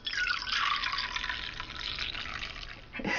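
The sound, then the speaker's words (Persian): Dashi broth pours steadily into a pot of soaked rice in a continuous splashing stream, fairly loud, with a brief clunk near the end and no one speaking; about 230 ml of dashi is added. “بیایید سوپ داشی رو به اون اضافه کنیم.”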